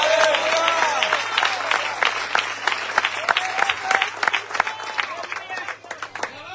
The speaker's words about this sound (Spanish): Al Señor ese aplauso de ese lugar.